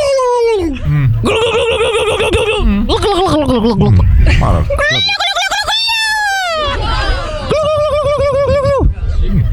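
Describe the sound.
Several voices take turns imitating the gobble of a festival turkey, with rapid warbling, strongly harmonic bursts that rise and fall in pitch, one after another with brief pauses and laughter between.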